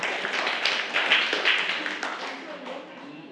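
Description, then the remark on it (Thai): A group of children applauding group 3 together, a dense patter of many quick claps that holds steady and then gradually tapers off, with some voices mixed in underneath. “เก่งมากค่ะปรบมือให้กลุ่ม3อีกค่ะ”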